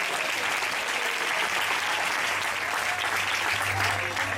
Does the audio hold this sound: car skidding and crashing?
no